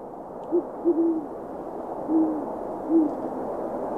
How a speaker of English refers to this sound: A gentle little owl call for you for an owl that is not particularly gentle. That is a great horned owl. Mm. They have just kind of a very calm, soft hoot.